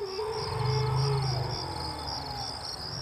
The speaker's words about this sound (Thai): บริเวณนั้นรู้สึกว่ามันจะเงียบอากาศวิเวกวังเวงมันจะเงียบมากจะยินแต่เสียงช้างมันร้องอยู่ในป่าลึก